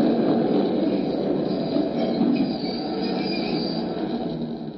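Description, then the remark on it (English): The last train rumbles steadily, its wheels giving off a sustained metallic squeal along the rails as it pulls into a station and gradually slows, with no voices. “The last train was just pulling in.”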